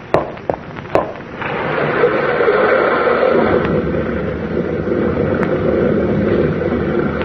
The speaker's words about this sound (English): What was that, Tom? Sounded like a rock slide.